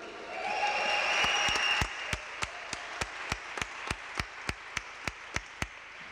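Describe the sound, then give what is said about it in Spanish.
A crowd breaks into loud, dense applause for a band's tenor saxophonist as he is introduced, lasting a couple of seconds, then it thins into steady, evenly spaced rhythmic claps keeping time, clear. “Un aplauso para él.”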